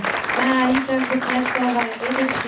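An audience claps loudly and steadily, a dense wash of applause mixed with cheering voices that holds for a couple of seconds without letting up.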